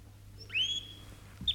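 A bright, sustained whistled note from a caged shrike slides slightly downward, followed by a short sharp chirp at the end, over a low steady hum.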